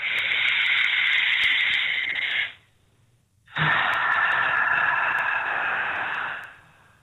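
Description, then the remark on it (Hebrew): A deep, slow belly breath taken as a stress-relief exercise: a long airy inhale lasting a few seconds, filling the belly like a balloon, a brief pause, then an equally long, steady exhale that trails off. Breathy and hissing, with no talking. “בוא נעשה פשוט נשימה צרפת עמוקה.”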